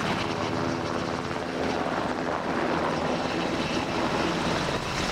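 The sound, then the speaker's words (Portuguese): A UH-60 Black Hawk helicopter roars steadily in flight from Monsanto to Air Base No. 6 in Montijo, carrying António José Seguro, its dense rotor and engine noise filling the whole stretch at an even, loud level with a faint rhythmic chop underneath. “a bordo de um helicóptero UH-60 Black Hawk, que fez a viagem desde Monsanto até à base aérea número 6, no Montijo.”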